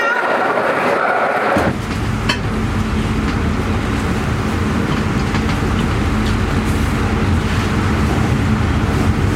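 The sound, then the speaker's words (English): Steady, loud low rumble inside a moving train carriage travelling to Austria, continuous and droning throughout, with faint rattles on top; a brief hissy stretch precedes it at the very start. “là ça y est je suis dans le train et je vais en Autriche pour la deuxième partie du voyage”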